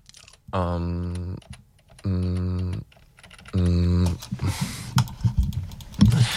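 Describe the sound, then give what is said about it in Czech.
Three steady, buzzy tones sound one after another, then a burst of rapid, uneven clicking and clattering of fingers typing on a computer keyboard. “Tyjo, klávesnice tam mám fakt pšenka nepokvete.”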